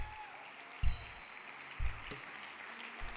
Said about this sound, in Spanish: Dele un aplauso a él si lo cree.